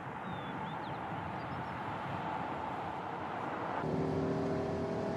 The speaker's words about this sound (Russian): Машина Андрея несется по мокрой дороге.